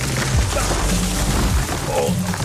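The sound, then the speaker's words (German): A tree being felled comes crashing down: a loud, continuous roar of cracking and splintering with deep rumbling thuds underneath, sustained for a couple of seconds without any talking. “Auf der Baum fällt. Achtung!”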